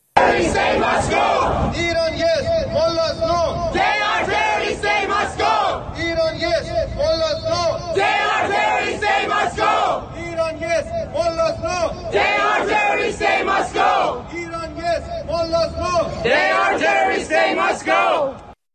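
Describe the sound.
A large crowd of Iranians living in Italy chants loudly in unison outside the US embassy in Rome, demanding the Revolutionary Guard be listed as terrorist and an end to all ties with the Iranian government. They repeat rhythmic slogans in sustained, shouted bursts with brief pauses between phrases, voices massed and steady throughout.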